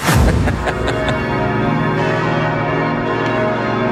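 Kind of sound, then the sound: signal or alarm, bells ringing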